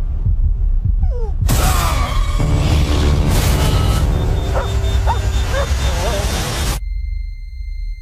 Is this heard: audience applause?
no